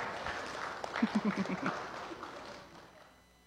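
A burst of audience applause, a dense patter of claps that swells briefly and then fades away over a few seconds, with faint voices mixed underneath.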